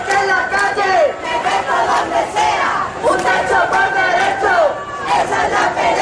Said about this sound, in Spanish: en una movilización en la que se han escuchado gritos contra el bloque de la derecha, los fondos buitres y en la que se han hecho repetidos llamamientos a la huelga general.